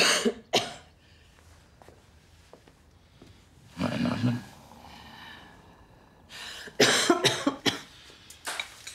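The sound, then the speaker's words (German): A person with a cold coughs: a few sharp coughs at the start, then a deeper, rougher cough midway, followed by a burst of several harsh coughs near the end, with quiet breathing between them. “Nur den üblichen Erkältungskram. Also Husten, Schnupfen, ein bisschen Kopfschmerzen.”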